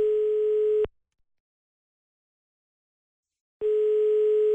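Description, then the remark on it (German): A telephone ringback tone as a presenter from the radio station Antenne Una calls a listener: a steady, single-pitched electronic beep sounds about a second, falls silent for nearly three seconds, then starts again. It is clear and isolated, with no voices. “da habe ich sie vorhin mal am Telefon überrascht.”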